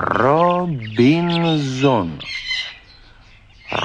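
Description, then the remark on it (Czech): A colorful parrot on an island calls out in two long, loud, nasal squawks that rise and fall in pitch, followed by a rougher, raspy screech, with no talking. “Rozhodl se, že papouška naučí mluvit.”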